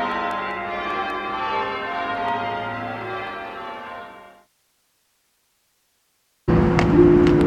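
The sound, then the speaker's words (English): Church bells ring with rich, sustained overlapping tones that fade out, then after about two seconds of silence a loud peal starts up again. “I miss the bells. I long for the bells.”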